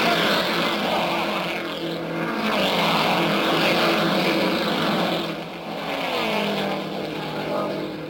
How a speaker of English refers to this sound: And there they go, those buffeting, bouncing big cars of the racing world. It's Rathman, Alesian, Reese, Parsons, and O'Connor now out of Lou Palmer, the northeast turn.